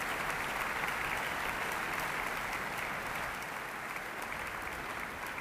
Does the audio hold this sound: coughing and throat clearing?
no